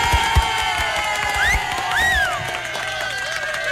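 A lively crowd cheers continuously, with overlapping shouts and a few rising whoops over a steady wash of noise that may include clapping, sustained and fairly loud throughout.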